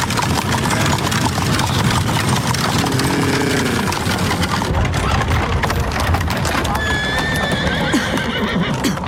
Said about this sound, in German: Vorsicht, Watson! Lassen Sie die Kutsche vorbei.